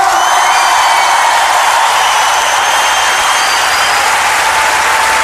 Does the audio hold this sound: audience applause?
yes